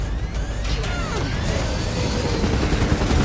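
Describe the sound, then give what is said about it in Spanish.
Loud, chaotic action noise: the steady mechanical roar of a helicopter, with rapid gunfire and sharp impacts of bullets hitting the helicopter crackling over it throughout, dense. “Las balas golpean el helicóptero y se enciende una luz roja en el tablero.”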